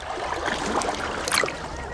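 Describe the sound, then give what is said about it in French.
Gentle sea waves lap and splash softly, a steady wash with a few brighter ripples and trickles, with no voices. “Et tu peux te laisser bercer par les vagues. Et regarder le ciel. Écouter la mer.”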